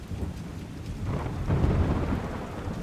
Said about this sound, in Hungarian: De beborult, hűvös lett, és esni kezdett az eső.